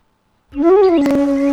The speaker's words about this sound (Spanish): Uy, ¿qué fue eso? Uy, qué miedo. No te asustes, no son brujas ni duendes, son algunos cantos de las aves de nuestro mundo natural.